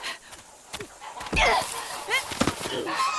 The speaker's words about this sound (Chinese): 坏大鹅，你叫叫你叫，就你撒手，叫那些小鹅仔住嘴！